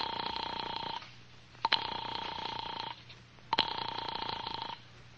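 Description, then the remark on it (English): A telephone rings unanswered in Dr. Theodore Wolf's room, 502, at the Hotel Wilton: three steady buzzing rings of about a second each, separated by short pauses, with a faint click at the start of the later rings and no voices. “I'm sorry, sir. Dr. Wolf doesn't answer.”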